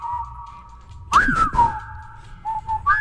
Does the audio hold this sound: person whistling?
yes